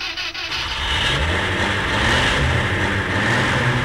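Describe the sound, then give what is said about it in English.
A next-door neighbour's car engine turns over and catches one morning, then settles into a steady, rumbling run with a faint rev, heard for a few seconds with no talking. “my slumber was woken by their next door neighbour starting their car.”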